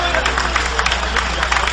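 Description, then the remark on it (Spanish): An audience applauds steadily in praise of God during a sermon, a dense wash of many hands clapping at once with a low crowd murmur underneath, holding at an even, fairly loud level throughout. “Dale ese aplauso de gloria a Dios.”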